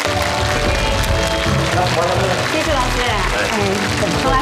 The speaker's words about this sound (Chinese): 咱们掌声欢迎。